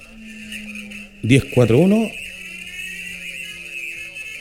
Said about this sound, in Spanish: Oye, que sabes que no se alcanza a captar bien porque justo se le escucha la sirena de fondo, así que no se le entiende la voz al despachador.